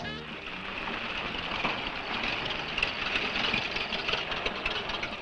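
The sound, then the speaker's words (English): A car engine idles with a steady, even rumble and a hissing, rattly edge, holding level for several seconds without revving up or cutting out. “Man, that fella has a jewel of a car.”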